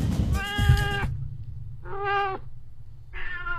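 A cat meows three times in a row, loud: a long drawn-out first cry, then two shorter ones, over a low rumbling background with no talking.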